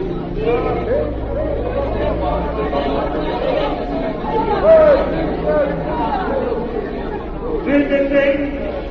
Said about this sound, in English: The next day found a great crowd in the square of the capital. There were flags and shouts for peace.